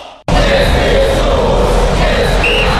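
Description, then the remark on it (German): After a goal is scored and a split second of quiet, a stadium crowd erupts into a loud, dense roar of cheering that holds steady at full volume without letup. “Er schießt und Tor, Tor, Tor! Wahnsinn! Und das ganze Stadion schreit.”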